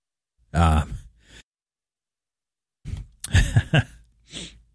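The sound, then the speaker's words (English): A sneeze, starting with a voiced, drawn-in build-up, then a pause, then a sharp burst of explosive breathy noise, followed by a short breathy exhale. “hold on. We'll sneeze there.”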